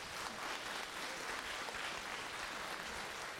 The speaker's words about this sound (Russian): Я вас еще раз прошу поаплодировать эту.